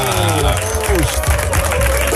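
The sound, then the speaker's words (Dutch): Loud, dense applause from a large crowd, a steady wash of clapping with a few voices and shouts rising through it for the whole couple of seconds. “wat een luid applaus. Heel veel mensen.”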